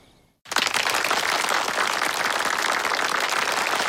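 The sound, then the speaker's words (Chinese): After a brief near-silence, a gathering of comrades, army cadres of division level and above at a banquet at Xiangshan, bursts into applause, a dense, steady wash of many hands clapping that holds at full volume to the end, with no voices over it. “同志们，把鼓掌的劲儿留着，用在战场上，争取再多打几个胜仗啊！”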